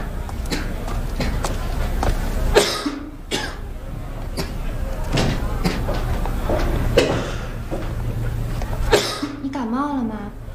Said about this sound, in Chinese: 一直咳嗽， 没事儿，没小毛病了。